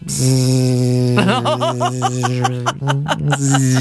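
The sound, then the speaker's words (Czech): A voice imitates a mosquito's whine at night as a loud, continuous nasal buzz, held for several seconds, with a wavering, pulsing warble in the middle and a brief break near the end. “Tak to by byl pořádný komár teda tohleto, to by byl pořádný.”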